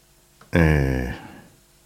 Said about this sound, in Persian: بله، تلفنشون اکنون زنگ میخوره.